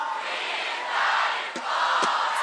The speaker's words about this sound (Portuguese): já ouviu … e dá um gritão